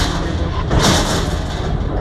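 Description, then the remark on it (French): A funicular car climbing the Pic du Gers from Lourdes rumbles steadily as it sets off from 440 metres altitude at 10 km/h, with one louder, sharp clack standing out partway through the continuous mechanical noise. No one speaks. “Déjà, on prend la montée en funiculaire, donc là, on entend, ça claque un peu.”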